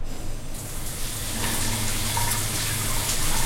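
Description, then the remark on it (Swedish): A hot shower turns on about half a second in, then runs steadily as a loud, hissing spray of water with no talking. “Men om du slår på en varm skön dusch, då händer följande.”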